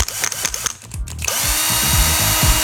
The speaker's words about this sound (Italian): È un trapano.